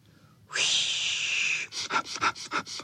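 A loud, drawn-out hissing whoosh, then a quick run of about seven sharp sniffs in a steady rhythm, as several dogs all sniff at a burdock together. No one speaks.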